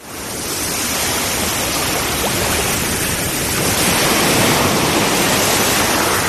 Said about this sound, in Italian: Quando è stata l'ultima volta che hai ascoltato davvero il mare?